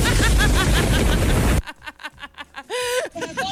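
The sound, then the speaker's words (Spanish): A loud, dense roar of heavy rain pours down for about a second and a half, then cuts off abruptly and a voice begins speaking. “¡La ropa se vino el agua!”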